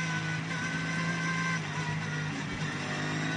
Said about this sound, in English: and the lead group of cars going through. Patrick Assenheimer right on the tail of Matteo Villagomez. And well, that is the tail end of the top 10.